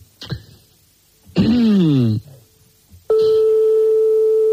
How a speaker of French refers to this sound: forcément, ça sonne dans le vide longtemps et ça peut tomber sur un répondeur